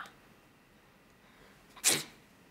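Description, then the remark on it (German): A single sharp sneeze bursts out near the end, loud and breathy, following a moment of quiet with no talking. “Gesundheit. Danke.”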